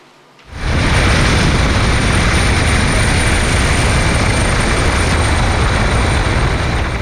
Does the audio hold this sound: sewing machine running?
no